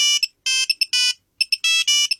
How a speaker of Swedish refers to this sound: Så här lät det på redaktioner för 20 år sedan när jag ringde. Alltså, är det sant? Ja, det här var en Nokia 3210.